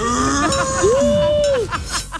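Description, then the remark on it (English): A single drawn-out cow moo swells up, holds steady for about a second, then drops away, set against a busy, noisy background. “This is a cow.”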